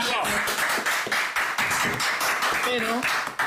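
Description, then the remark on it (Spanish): An audience breaks into steady applause for the Museo Mutante, a dense clatter of many hands clapping at an even loudness, with voices calling out and talking over it. “Bueno, por certo, un aplauso grandísimo ao Museo Mutante, non temos moito máis tempo.”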